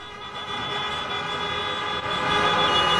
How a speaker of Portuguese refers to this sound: Vamos fazer outro teste? Quem acha que o Inter vai ganhar o Grenal, toca a mão na buzina aí, vamos ver!